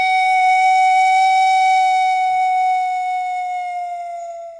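A single pan flute note, from an instrument made of a row of pipes set side by side, each pipe giving a different pitch, is held steadily for several seconds: a clear, bright, sustained tone that stays loud before thinning and dipping slightly in pitch at the end. No one speaks.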